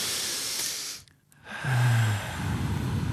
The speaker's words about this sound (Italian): Rilassatevi, rilassati. Adesso al mio tre, un bel respiro. Uno, due, tre.